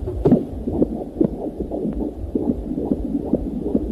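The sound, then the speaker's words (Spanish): A fetal heartbeat on an ultrasound monitor at a very early stage of development, fast and steady, its muffled whooshing pulses repeating over a low rumbling background with no talking. “Estamos escuchando el latido de un corazón en una ecografía, o sea, estamos hablando de muy en los primeros momentos.”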